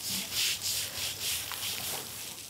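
A stiff hand brush scrubs algae off the rough floor of a seal pup pool in steady back-and-forth strokes, about five hissy, rasping sweeps in quick rhythm, fairly quiet, with no voices.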